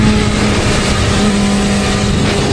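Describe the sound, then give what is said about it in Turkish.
A motorcycle engine drones loudly on the Karabük Eski Pazar highway, a steady rough roar with a low hum that wavers slightly as the rider slows and passes a person sitting in the middle of the road. No one speaks. “Motosiklet sürücüsü yolun ortasında oturan kişiyi fark edince hızını düşürüp son anda yanından geçti.”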